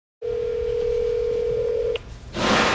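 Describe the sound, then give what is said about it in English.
A steady telephone dial tone hums clearly for nearly two seconds, cuts off with a small click, then gives way to a loud burst of hissing line noise. “my phone call to the president of Colombia and Mark Carney inviting them over for dinner was not returned”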